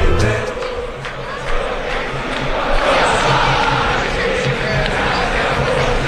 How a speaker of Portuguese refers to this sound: Festa da torcida do Boca Juniors.